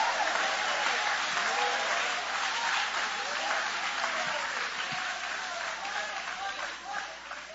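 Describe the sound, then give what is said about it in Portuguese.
An audience applauds in a dense, steady wash of many hands clapping, holding strong for several seconds and easing slightly toward the end, with faint voices mixed into the crowd noise. “Pode aplaudir, pode adorar.”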